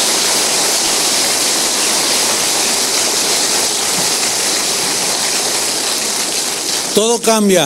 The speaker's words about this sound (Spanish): Dale otro aplauso. Amén.